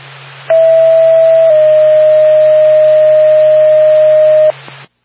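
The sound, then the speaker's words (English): A loud, steady electronic dispatch radio paging alert tone for an ambulance service in Lancaster sounds for about four seconds, with a slight pitch step near the start, over a faint radio hiss and low hum; no one speaks. “Lancaster Ambulance, standby for tone.”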